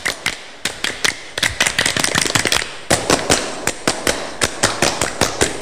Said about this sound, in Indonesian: tapi sebelumnya 2 kali tepuk pramuka.